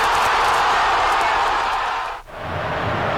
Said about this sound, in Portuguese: Casemiro empatou de cabeça. E a torcida soltou o grito entalado na garganta